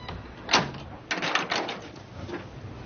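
A door is pushed shut by a man, with a sharp thud followed by a cluster of rattling latch and handle clicks, then quiet room tone.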